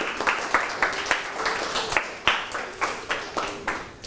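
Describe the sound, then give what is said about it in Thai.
A small group at both the sending and receiving classrooms of a lesson claps for themselves, a steady run of sharp, slightly uneven claps at moderate loudness lasting a few seconds, with no voices over them. “เจ้าหน้าที่ทั้งต้นทางและปลายทางปรบมือให้ตนเองครับ”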